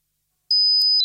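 A thin, piercing high-pitched tone imitating tinnitus in a Sonofin radio advertisement begins halfway through and rings steadily to the end, with a few brief flickers along it, loud, like the whine of ringing ears.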